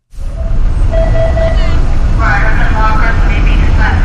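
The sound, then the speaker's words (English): Steady, loud low rumble of yellow school buses idling in line outside a sprawling red brick middle school in Peabody on a Wednesday, with faint tonal whines and indistinct voices mixed into the continuous engine drone. “On a recent Wednesday, yellow school buses line up outside a sprawling red brick middle school in Peabody.”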